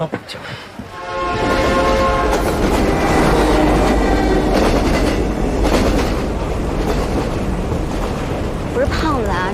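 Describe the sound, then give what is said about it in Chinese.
An old green passenger train rumbles steadily along the rails with a continuous loud clatter and rushing noise, starting abruptly after a brief quieter moment and staying constant throughout. “我跟你们讲，你们但凡再晚来找我这么几天，咱们就不会坐这个绿皮火车了。”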